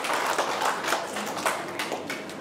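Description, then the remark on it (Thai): Children clap for themselves at their teacher's prompt during a lesson, in a steady, fairly loud burst of overlapping claps with a quick, uneven rhythm, forming a dense patter of sharp hand slaps. “เยี่ยมยอดเลยปรบมือให้ตัวเองหน่อยสิคะ”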